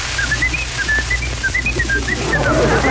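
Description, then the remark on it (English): A man whistles a showy, exaggerated tune full of rapid warbling trills and swooping notes, demonstrating how a band's whistler ought to put more into it, continuous and fairly loud over a low background hum, with no talking. “that fella that does the whistling, that …, I think he's just a mite too incognito. I think he ought to put more stuff into it”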